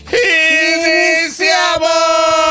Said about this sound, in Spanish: Sin más, bla, bla, sin más, ahora sí que piriquitengue, vamos a dar inicio con el grito de guerra de